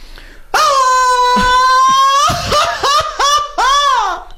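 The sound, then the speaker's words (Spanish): A man lets out a long, loud festive Mexican grito on a radio show, a high sustained yell held for nearly two seconds that breaks into rapid, warbling, laugh-like yips, part of a grito contest for listeners to win tickets. “Porque ustedes van a poder ganar boletos con el grito que estamos haciendo ahorita.”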